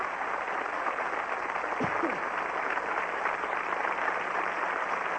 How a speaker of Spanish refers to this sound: porque nada de lo que aquí acontece sería posible si no fuera por esta magnífica orquesta de músicos mexicanos que siempre me hace favor de acompañarme, para quien pida un aplauso muy grande, y son ustedes tan amables.